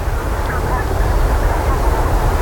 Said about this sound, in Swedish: Nu har ju vinden ökat och också ändrat riktning så den ligger på syd och blåser ungefär 5 meter per sekund.